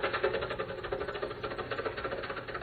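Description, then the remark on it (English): A rough engine chugs steadily with a fast, uneven knocking rhythm, like an old car running at a low idle, with a rattly mechanical texture and no voices. “This car's good enough. I can keep it for quite a while yet.”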